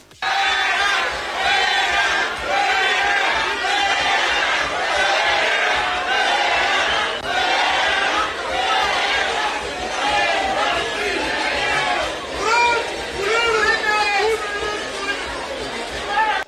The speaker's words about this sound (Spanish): Luego, el sábado, durante la entrega de viviendas, el senador de Morena y exgobernador priista Alejandro Murat asistió al evento de la presidenta y fue recibido con abucheos.